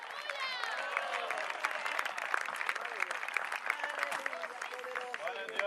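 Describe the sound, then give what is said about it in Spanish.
An audience at a Spanish-language church sermon applauds strongly for the Lord, a dense stream of sharp claps running steadily for several seconds, with cheering and excited voices rising over it. “Si es para el Señor ese aplauso, déselo fuerte.”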